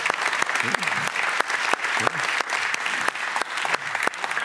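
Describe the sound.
A studio audience claps steadily throughout, a dense wash of applause with sharp individual clap transients, and a few faint voices and cheers mixed into the noise.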